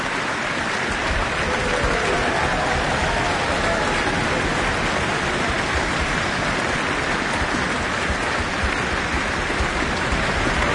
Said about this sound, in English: Another round of applause for the orchestra, and flowers for the soloist.